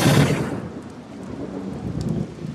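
A loud thunderclap bursts at the start and rolls off into a deep rumble, with steady rain hissing throughout; no voices are heard.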